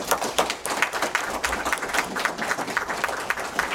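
Audience applause: a dense, steady patter of many hands clapping at once, bright and crackly, holding at an even moderate loudness for the whole few seconds with no voices over it.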